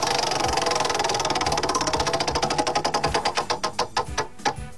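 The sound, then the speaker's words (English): The Wheel of Topics prize wheel on the show Hammer and Emmett spins with a rapid, rattling stream of clicks that gradually slow into distinct, spaced-out ticks as it winds down. No one speaks. “I'm going to give this wheel another whirl here.”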